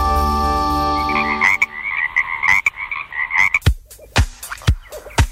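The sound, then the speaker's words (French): Frogs croak loudly in a steady, rapid chorus of pulsing calls, following a brief droning tone, with sharp clicks and knocks breaking in toward the end. “Le 15 août à Demol, près de Lusillat, sous un chapiteau pouvant recevoir 700 personnes, c'est la fête de la grenouille.”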